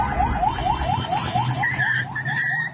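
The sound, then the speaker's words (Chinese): Several car alarms wail at once at the Shalamcheh border crossing in Iran during a US military strike, one repeating a rapid rising sweep around a mid pitch while another holds steady high-pitched tones, all over a rumbling low background noise. “沙拉姆切赫边境口岸在美军袭击之际升起浓烟，车辆警报声四起，人群发出尖叫声向各处奔跑逃散。”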